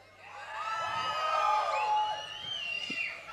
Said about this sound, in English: So when I say one, two, three, four, and when I'm gonna count, un, zwei, drei, vier, you're gonna scream.